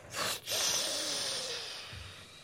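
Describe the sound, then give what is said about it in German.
A single snore: a loud, rasping breath with a faint whistling tone running through it, lasting about two seconds before fading into a low snort. No one speaks. “Auf zu schnarchen.”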